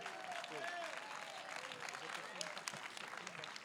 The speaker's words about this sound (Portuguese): Aplauso para Cristo.